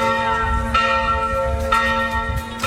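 Church bells of the church of Sveti Šime ring out in a steady rhythm, with two clear strikes about a second apart, each leaving a long, shimmering metallic hum that overlaps and sustains between them. No one speaks.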